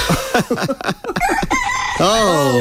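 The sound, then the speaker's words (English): A loud rooster: a quick run of rhythmic clucks, then a long, rising crow that carries to the end, with no talking over it. “That's Ray Wilkie, the 4ZZZ weathercock.”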